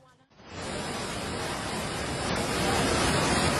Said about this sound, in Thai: ฝนตกเมื่อเช้านะคะตอนนี้น้ำป่าไหลแรงมากค่ะ